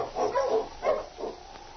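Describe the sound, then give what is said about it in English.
A team of husky sled dogs, led by the husky King, barks in a short flurry as it is turned around and hurried along the back trail: four or so rough yaps in quick, uneven succession, moderately loud and slightly muffled, with no voices. “His heart was heavy with concern as he turned the dogs around and hurried them along the back trail, looking back over his shoulder periodically at Sergeant Preston slumped in the sled.”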